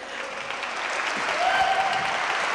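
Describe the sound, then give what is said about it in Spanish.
An audience at a jazz concert in Zacatecas claps steadily in a dense wash of applause that swells slightly louder toward the end, with a few faint whistles cutting through the clapping. “Bueno, que viva Zacatecas, que se escuche un fuerte aplauso.”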